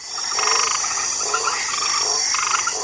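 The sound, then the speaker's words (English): A dense chorus of frogs croaking steadily, with repeated pulsing calls overlapping a constant high insect-like drone, fairly loud and continuous throughout with no voices. “There is a species of frogs called the white tree frog from Australia, which has a kind of chemical in its skin that has been used in HIV experiments that's been shown to reduce HIV transmission to T cells.”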